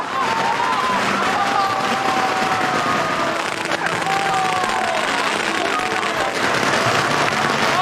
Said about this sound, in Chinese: 酒庄越来越好了， 开业大吉，放鞭炮。